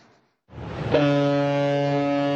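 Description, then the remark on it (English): A deep, booming cruise ship horn sounds one long sustained blast after a brief rumble of wind, ringing loud and steady with rich harmonic tones across the once frozen Heavenly Lake in the Tian Shan Mountains as the season's first vessels set sail. “A booming call cuts the silence. Cruise horns echo as the first vessels of the season set sail across once frozen Tianshi Lake.”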